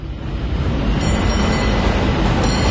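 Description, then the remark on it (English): A San Francisco cable car rolls along its rails with a steady, dense rumble and rattle, broad low-heavy noise holding an even loudness for a few seconds with no voices. “Hear that? That's San Francisco calling. Hop the cable car, grab some sourdough at the wharf”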